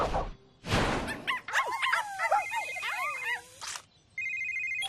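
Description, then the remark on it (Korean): A phone rings with an incoming call from the mayor: a steady, high electronic ringtone sounds near the end, after a couple of loud bursts and a stretch of wavering, whimpering yelps. No one speaks. “잠깐만, 부대 시장님 전화도 왔다.”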